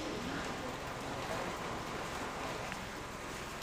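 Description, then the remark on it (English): Steady rain falls throughout, a dense, even hiss of drops spread across the whole range, with faint low rumble underneath and no voices. “It's started to rain now, which means it will be another challenging day of rescues for emergency teams.”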